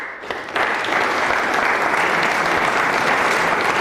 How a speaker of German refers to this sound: Nach über einer Stunde ist der Auftritt vorbei. Und dort in Zofingen im Kulturhaus West gibt's Applaus.